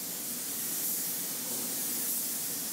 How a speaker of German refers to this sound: In mehreren Durchgängen sprüht er die Lackschicht auf den Rumpf, um später eine perfekte Oberfläche zu bekommen.